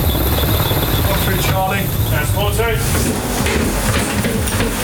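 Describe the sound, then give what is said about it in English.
A loud, steady military helicopter roar fills the whole recording, continuous, as British armed forces use it to board a Russian tanker in the English Channel in the early hours, with a brief muffled voice calling out beneath the rotor noise midway through. “In the early hours of this morning, British armed forces used a helicopter to board a Russian tanker in the English Channel.”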